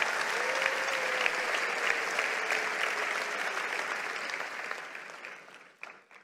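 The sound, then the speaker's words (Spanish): A church audience gives a round of applause to the Lord, clapping steadily in a dense, sustained round that holds for several seconds, then thins out and fades toward the end. “Vamos, si lo crees, dale un aplauso al Señor.”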